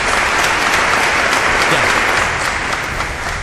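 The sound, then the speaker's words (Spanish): An audience applauds steadily, dense overlapping claps forming a loud, continuous wash of noise that holds for several seconds and eases slightly toward the end, with no clear voices. “Hay un aplauso, señora.”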